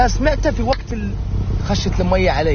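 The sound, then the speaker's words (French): A steady low engine rumble fills the cabin of a moving car, continuous throughout, with a man's voice speaking over the drone. “Depuis la fenêtre de sa voiture,”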